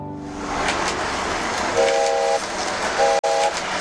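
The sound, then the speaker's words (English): Model trains rumble steadily around tracks laid out on a broad table in a basement by the furnace, with two short whistle toots near the end and a sharp click just before the second one dies away. No one speaks. “We'd usually find him in his basement running his model trains around and around the tracks that he had laid out on a broad table by the furnace.”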